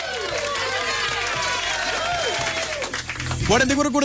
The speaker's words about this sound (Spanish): ¡El aplauso, señores! ¡Bravo!